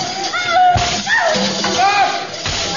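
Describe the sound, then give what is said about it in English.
A couple of sharp whip cracks snap out, aimed at a girl's feet to stop her dancing, amid distressed, wavering voices, one near the start and another toward the end, both fairly loud. “The whip will make her stop dancing.”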